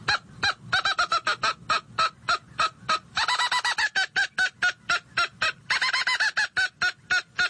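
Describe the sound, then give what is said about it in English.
A handheld mouth-operated game call mimics an agitated squirrel's mad bark: a long, rapid series of sharp, nasal chirps, loud, broken twice by quicker rattling bursts. No one speaks. “That last series was more of a mad bark that a squirrel will do.”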